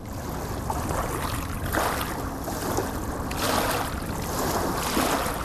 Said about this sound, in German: Wenn man den Sand sägen hört und das Schlurfen der kleinen Steine in langen Wellen, soll man aufhören zu sollen und nichts mehr wollen wollen, nur mehr, nur mehr.